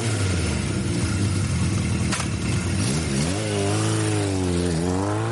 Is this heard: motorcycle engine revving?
yes